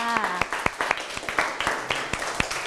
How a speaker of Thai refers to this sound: เก่งมากๆปรบมือให้ตัวเองค่ะ